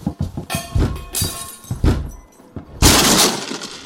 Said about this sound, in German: Sofort aufmachen oder wir brechen die Tür auf.